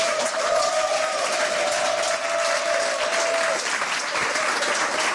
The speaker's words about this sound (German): Bitte begrüßen Sie mit einem frenetischen, von Herzen kommenden Applaus.